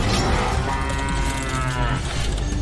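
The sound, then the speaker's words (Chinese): A cow moos in one long, drawn-out bellow lasting a couple of seconds, its low voice rich with harmonics and fairly loud, with no talking over it. “牛，请准备。”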